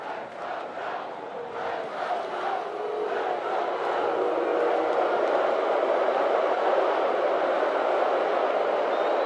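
A large stadium crowd at a football game roars, starting with rhythmic pulsing shouts like a chant, as Duck fans try to make noise and OSU fans answer, then swelling into a steady, loud, sustained wall of cheering and yelling with no talk on top.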